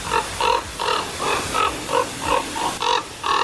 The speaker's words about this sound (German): Ja, klingt nicht besonders schön. Mich stört das auch manchmal ein bisschen. Aber mein Vogel ist Vogel, ne? Und Natur ist Natur. Ich dachte jedenfalls, ganz klarer Fall, ist eine Saatkrähe. Und dann zeigte mir die App aber an, das ist der Kolkrabe.